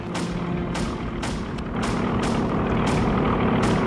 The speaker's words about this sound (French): Oh la vache, les avions américains! Ils descendent tout près!